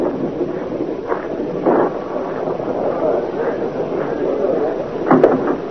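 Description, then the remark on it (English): Rain falls with wind in a steady, dense rushing hiss that stays fairly even throughout, broken by a few brief louder swells and gusts, the strongest near the end. “Well, here comes some rain.”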